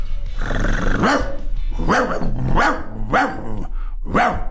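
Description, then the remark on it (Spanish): A person imitates a dog barking like a corgi, letting out about five rough, growly woofs at a steady pace, fairly loud over a low background hum. “A ver, yo voy a hacer mi ladrido de perro.”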